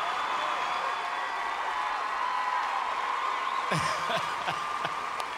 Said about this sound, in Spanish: Ahí está. Fuerte aplauso, que se sienta.